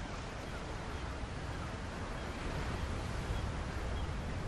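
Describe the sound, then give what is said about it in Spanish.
A steady, enveloping rush of ocean waves and open-sea wind over a vast ocean, with sunlight shining behind clouds, at the opening of the Apple Original Films film Hobbs. It holds an even level throughout with no distinct breaks between swells and no voices. “La luz del sol brilla detrás de unas nubes sobre un vasto océano.”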